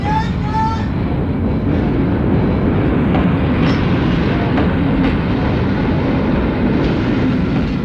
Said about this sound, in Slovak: Vlak sa už pohol nevidíš.